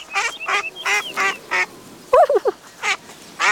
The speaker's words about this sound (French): Tiens, des canards. Devant lui, tout doux voit une grande mare avec des canards.